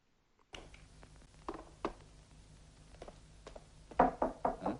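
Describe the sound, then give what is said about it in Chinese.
Rapid, insistent knocking on a door at night in Shanghai, heard by a cook who has just put noodles in the pot. It starts with scattered sharp raps, then ends with a louder, hurried burst of several knocks, over a low background hum. “厨房内，一位负责食宿的老师傅正在准备晚饭，他刚把面条下锅，就听到了一阵急促的敲门声。”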